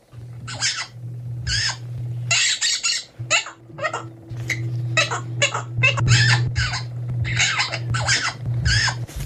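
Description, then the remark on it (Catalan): A parrot named Quico squawks over and over in quick, harsh bursts, more than a dozen loud calls, with a steady low hum running underneath, imitating the siren of the Mossos d'Esquadra police. “De cop, el lloro comença a imitar el soroll de la sirena dels Mossos d'Esquadra”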